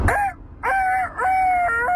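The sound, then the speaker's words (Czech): A person imitates a rooster's crow, a strained, nasal cock-a-doodle-doo in three bursts with a short gap after the first, loud with no other talking. “A podle mě to byl nachlazený kohout, možná kohout s covidem.”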